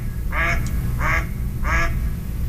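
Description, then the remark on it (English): Three evenly spaced, low, raspy quacks from a mallard duck, loud, set against a steady rumbling background noise with no talking. “That's a typical duck quack.”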